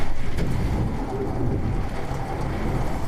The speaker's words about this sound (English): Sheets of rain were pounding the window like a fire hose. Wind gusts here topped 70 miles an hour. It almost sounded like there were waves lapping against the side of the building. I recorded a little bit of it.